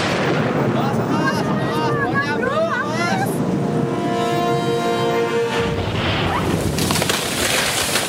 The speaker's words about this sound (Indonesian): Waduh, ada pohon ambruk.